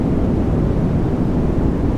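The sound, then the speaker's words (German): Steady, unbroken white noise played as a sleep aid, loud and even throughout, with a deep low-heavy roar much like the constant drone inside an airplane cabin; no voices, nothing else. “So, und neben Delta-Wellen wird im Netz auch noch das weiße Rauschen als Einschlafhilfe diskutiert, sogenanntes White Noise. Das ist wirklich nur so ein Rauschen.”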